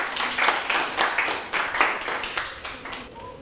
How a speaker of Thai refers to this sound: ปรบมือให้ตัวแทนหน่อยครับ